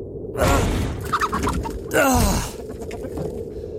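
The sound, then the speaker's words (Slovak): A rooster gives two loud, harsh squawking calls about a second and a half apart, with softer clucking in between, and no talking. “Pozri, kohútik.”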